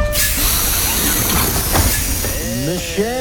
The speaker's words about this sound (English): All right, opening up the door now.